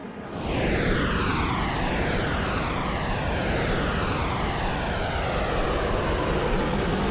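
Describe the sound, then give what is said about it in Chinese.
A loud, steady trainer aircraft engine roar swells in and holds, with sweeping comb-like tones gliding downward in pitch as the plane pulls up vertically at a high angle of attack during test-flight maneuvers; no voices. “大鹰角垂直拉升，明白，大鹰角垂直拉升。”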